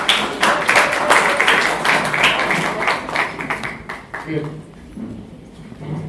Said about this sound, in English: So, please, can we clap for him, please?